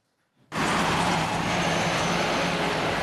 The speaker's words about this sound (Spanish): El ruido de autos llega hasta las aldeas del Yaraguá. En la zona noroeste de São Paulo, el territorio indígena está junto a algunas de las principales autopistas de la ciudad.